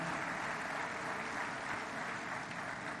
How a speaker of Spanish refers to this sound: Pero más aún, aquí está el secretario de Educación Pública. Un aplauso a Mario Delgado Carrillo, amigo, secretario.